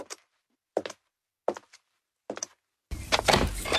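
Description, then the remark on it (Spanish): Four evenly spaced knocks rap on a door, each a short double thud, then the door swings open and a broad wash of louder outside noise floods in. “La inspiración llama a mi puerta. Blanquita, no la hagas esperar.”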